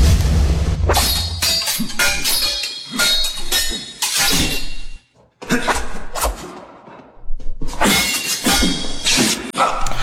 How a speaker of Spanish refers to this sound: Esta película, en la cual también se basaron nuestros protagonistas de hoy, pues tiene que ver con duelos de espadas, como lo estamos escuchando. Duelos que se llevaron a cabo hace miles de años en grandes guerras.